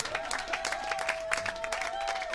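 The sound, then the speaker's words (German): Steady audience applause for the Rote Nasen (Red Noses) clown troupe, many hands clapping in a dense, continuous wash, with a sustained whistle-like tone running underneath. “Riesen Applaus für die roten Nasen.”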